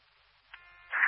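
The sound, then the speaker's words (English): Brief Stockbridge Fire dispatch radio cancellation tones for a call on Topping Road, a thin steady pitch over static that jumps to a louder, brighter tone at the end, with no talking. “Stockbridge Fire, these are cancellation tones for Topping Road, timeout 11-20.”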